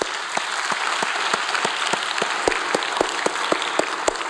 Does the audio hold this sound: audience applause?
yes